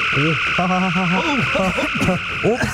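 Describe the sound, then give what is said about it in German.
A warbling science-fiction dematerializing beam effect from a device set to dematerialize instead of grill, making someone vanish: sliding, wavering electronic tones over a steady high-pitched hum, loud, running continuously for a few seconds with no voices. “Mensch, Kork, du Blödkopf, du musst den Face auf Grillen stellen und nicht auf Entmaterialisieren.”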